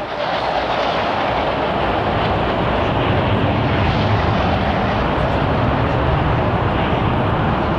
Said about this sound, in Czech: Další skupina bude vedena podplukovníkem Prelcem a bude to 12 letounů MiG-21. Ano, už jsou tady.